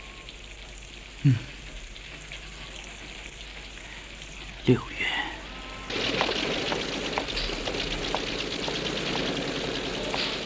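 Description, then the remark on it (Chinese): Steady rain hisses in the background with wind, then swells into a louder, dense downpour partway through. A voice speaks briefly early on, and a couple of sharp knocks break the texture. “刮风下雨，下雨刮风，什么时候才到头？”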